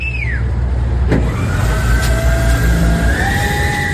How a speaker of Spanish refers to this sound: A las 7 de la mañana salen entre 4 y 5 camiones que, como este que estamos escuchando, bombean agua a tanques comunitarios ubicados a bordo de carretera.